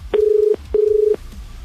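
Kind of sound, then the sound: signal or alarm, telephone dialing tones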